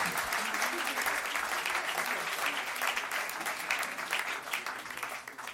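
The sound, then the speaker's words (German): Steady audience applause, a dense patter of many hands clapping at an even, fairly loud level throughout, with no voices standing out. “Applaus ins Müsli, gell?”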